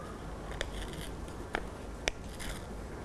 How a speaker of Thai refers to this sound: เด็กๆค่อยๆนำมือทั้งสองข้างของเด็กๆนะคะจับไว้ที่กระดาษสีเลยและเด็กๆค่ะค่อยๆฉีกกระดาษนะคะโดยเด็กๆนะคะฉีกกระดาษเข้าหาตัวแบบนี้ค่ะ